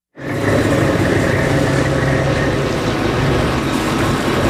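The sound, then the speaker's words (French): A fishing boat engine starts abruptly and then rumbles loudly and steadily at sea at sunrise, a constant drone with deep low hum and a broad wash of noise, no voices. “Allez, on monte à bord d'un bateau de pêche au mar au lever du jour”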